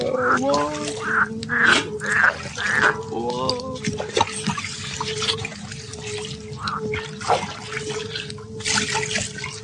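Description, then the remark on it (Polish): Water is poured into a vessel, gurgling with rising pitch in several short bursts, followed by softer trickles and drips against a quiet background. “Dolej wody.”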